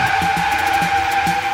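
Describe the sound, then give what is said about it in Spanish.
A car's tires squeal in a steady, high-pitched skid lasting over a second, loud, with rumbling engine and road noise underneath and no voices, as the car, its windshield cracked, crashes into another car. “A su mecha, se estrella con otro carro.”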